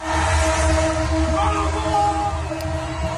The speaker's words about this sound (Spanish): De aficionados argentinos han salido a las calles a celebrar la victoria en Buenos Aires. Hasta los trenes se han unido a la locura colectiva tocando la bocina.